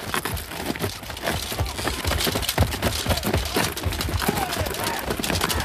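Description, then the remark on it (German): Many horses' hooves clip-clop in a dense, steady patter over gritty ground, joined by rustling and crunching, fairly loud throughout, with faint voices mixed in. “Hektor! Meine Pferde! Hektor! Schert meine Pferde an!”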